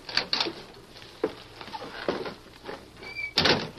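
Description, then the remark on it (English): The wooden door of a little shack on the edge of the town of Sand Springs opens with a series of rattling knocks and thumps, a brief high creak near the end, then a final clattering bang. “Go on, open the door, Lacey.”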